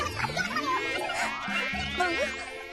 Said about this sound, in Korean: 여름 다닌데 왜 모기가 있지? 에? 어? 잡았다, 요놈.